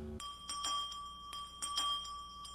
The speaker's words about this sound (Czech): Co to? Usnul jsem. Někdo zvoní.